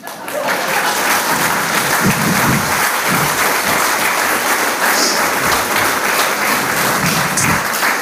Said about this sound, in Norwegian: Tusen takk, det så deilig å få sånn spontan applaus. Beste applaus man får, det den spontane man slipper å be om.